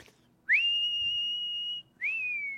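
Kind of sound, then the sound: human body sound, human whistling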